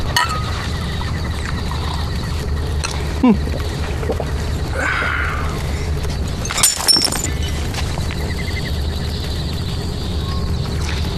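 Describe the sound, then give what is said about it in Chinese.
A ceramic rice bowl smashes with a sharp crack, then a second bright shattering crash follows a few seconds later, both over a steady low rumbling background with faint hoof-like clatter. The bowls are smashed as a Tongluo Village custom before going down the mountain to fight. “妹子，这不是把自己饭碗摔了吗？”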